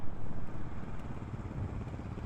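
An off-road motorcycle engine, ridden by someone in an orange helmet who is being pulled over for a police traffic check, rumbles steadily at a low pitch, with a brief louder surge at the start before settling into an even idle-like drone. No voices are heard.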